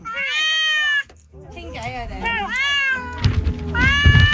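A cat meows loudly, letting out a string of four or so drawn-out, wavering meows with short gaps between them, over a faint background rumble.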